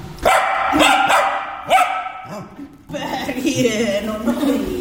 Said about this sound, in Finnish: No siinä kuultiin oikein ääninäydettä koiraltakin loppuun.